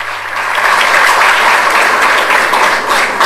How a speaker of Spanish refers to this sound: Voy a pedir un fuerte aplauso para el director de la banda, a quien agradezco.